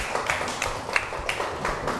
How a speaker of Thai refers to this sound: ได้ปรบมือให้เพื่อนอีกครั้งครับ